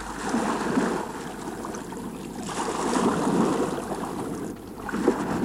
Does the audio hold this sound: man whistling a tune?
no